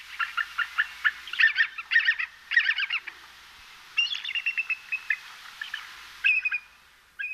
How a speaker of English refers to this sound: And here is our avian national emblem, the bald eagle.